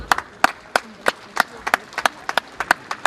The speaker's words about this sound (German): Das ist eine Auszeichnung für unser Bundesland, das ist eine Auszeichnung für Sachsen-Anhalt, die, glaube ich, einen großen Applaus verdient hat.